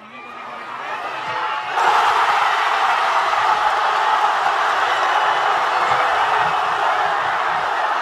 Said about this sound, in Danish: Og som vi hørte, der var altså god stemning i Madrid. Jeg vil ikke snyde jer for lige at høre, hvordan det lød, da angriber Ferran Torres i forlænget spilletid bankede Spanien foran.